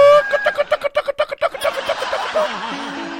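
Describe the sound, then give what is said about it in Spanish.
A hen being fed clucks in a rapid, steady run of short calls, then the clucking blends into a busier stretch of background noise with a low steady hum near the end. “que le está dando comida a la gallina, pues.”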